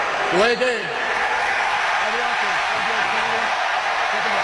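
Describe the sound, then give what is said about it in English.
A loud crowd at Tottenham Hotspur Stadium in London, mostly Philadelphia fans at an American football game against Jacksonville, roars continuously, with whistling and rising, falling shouts cutting through the dense wash of noise. “And we've got whistles.”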